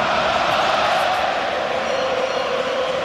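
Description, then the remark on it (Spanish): A large Austrian crowd applauds a presentation in a dense, steady roar of clapping that holds at a constant loud level for the whole stretch, with a murmur of voices mixed in and no single voice standing out. “Impresiona ver el despliegue, el aplauso de los austríacos.”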